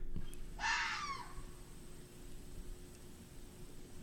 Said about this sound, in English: Now I'm going to show you what a real friggin' fox sounds like. This is... Listen up.